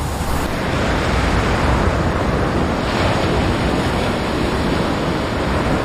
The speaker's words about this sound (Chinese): 这里狂风呼啸，风速通常可达每小时110公里。